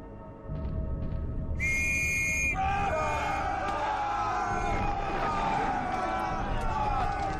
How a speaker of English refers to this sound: On my whistle!